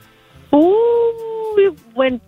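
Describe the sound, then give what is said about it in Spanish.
A person imitates a coyote howl: one long, loud, rising wail held for about a second, followed by two short yipping cries. “Creo como un coyote.”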